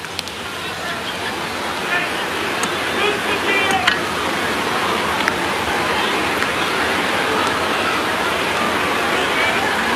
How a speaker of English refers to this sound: Rain a little bit heavier. It's been off and on all night, but the grounds crew not in sight. We're going to play through this.